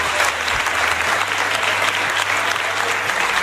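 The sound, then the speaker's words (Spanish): Sustained applause fills the Andalusian parliament chamber as Juan Manuel Moreno is confirmed as president of the Junta de Andalucía, a dense, steady wash of many hands clapping at once, loud and even throughout with no voices standing out. “Pues con ese aplauso de la Cámara se daba ya por anunciado que Juan Manuel Moreno revalidaba su puesto al frente de la Junta de Andalucía por 4 años más”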